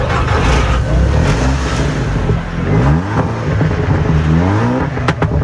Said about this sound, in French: dans les vallées du Mont d'Or résonne le rugissement des moteurs